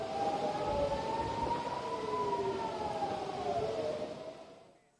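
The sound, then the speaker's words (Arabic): Air raid warning sirens wail steadily in several towns in northern Israel as rockets are launched from Lebanon, several overlapping tones slowly rising and falling in pitch, loud over a dense rumbling background, fading out near the end. No voices are heard. “هذا وأفاد مراسل التلفزيون العربي بأن سفارات الإنذار دوت في بلدات عدة شمالية إسرائيل مع إطلاق الصواريخ من لبنان.”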